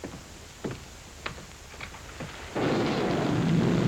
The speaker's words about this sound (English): The rain that's falling down, sir.